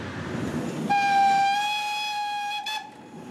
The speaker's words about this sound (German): Und da passt die Dampfeisenbahn auch noch gut ins Bild. Die Güterzuglok der Baureihe 52 ist seit Sommer 2019 leider die einzige Dampflok des Vereins der historischen Eisenbahn Frankfurt.